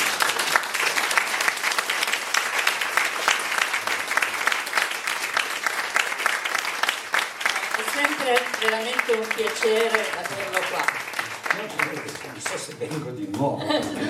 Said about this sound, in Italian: Intanto un applauso.